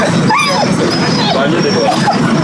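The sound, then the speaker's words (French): Dogs whine and yip in short, rising cries over a steady murmur of crowd voices, with a few higher whimpers scattered through the busy outdoor background, at a World Rabies Day dog vaccination event at the Yoff grounds. “À midi, 11 chiens ont été vaccinés.”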